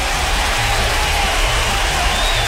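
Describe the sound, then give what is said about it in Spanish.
Applause and cheering on a radio show, a steady, dense roar of clapping with scattered whoops, loud throughout, with a low throbbing undertone beneath it. “Un aplauso para ellos.”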